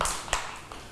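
A few scattered hand claps, sharp and moderately loud, with uneven gaps between them, as a small group of children in a class clap briefly for a classmate. No voices are heard.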